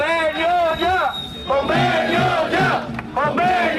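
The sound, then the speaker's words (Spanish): A crowd of Persan workers on a 24-hour strike chants loudly in unison at the gates of the company's headquarters in the capital, voices rising and falling together in rhythmic shouted phrases separated by brief pauses. “Este grito se repitió ya a las puertas de la sede de la empresa Persan en la capital.”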